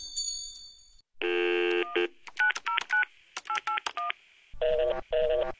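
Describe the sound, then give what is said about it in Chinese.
A series of telephone dialing tones: a brief high tone, a steady dial tone, then quick rhythmic keypad beeps in bursts, ending with a buzzy ringback pattern, clear with no voices. “你听过这样的电话声音吗？”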